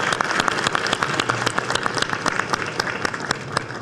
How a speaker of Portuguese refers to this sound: Eu quero convidá-la, senadora Damaris Alves, para fazer parte aqui da mesa. Uma salva de palmas para essa amiga maravilhosa.